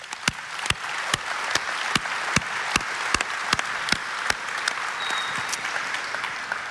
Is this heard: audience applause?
yes